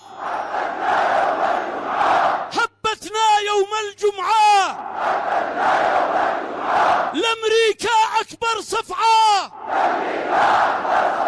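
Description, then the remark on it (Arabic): A large crowd at Al-Sabeen Square in Sanaa, Yemen, chants slogans in unison, a roaring mass of voices shouting rhythmic phrases in repeated bursts, loud, with the din of the crowd swelling between lines. “نرتشف من القهوة ونستمع إلى بيان الجماهير.”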